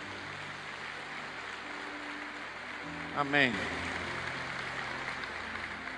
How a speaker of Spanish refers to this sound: Dele un aplauso al Señor por eso.